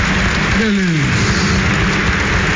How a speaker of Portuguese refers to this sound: nossa consagração, acolhendo a Mãe de Deus aqui em nosso meio, com uma grande salva de palmas. Mais forte aí.